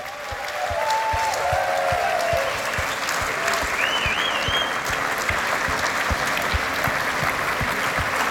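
A large audience claps steadily and loudly for the whole stretch at a concert with the RTV Slovenia Symphony Orchestra and Big Band RTV Slovenia under conductor Patrik Greblo, a dense wash of overlapping hand claps with a few brief whistles rising above it.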